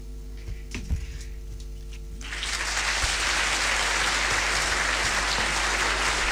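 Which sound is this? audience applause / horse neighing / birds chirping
audience applause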